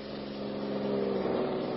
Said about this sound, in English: The police car is slowing, Perry.